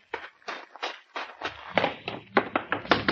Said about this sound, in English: Never mind knocking, Pat.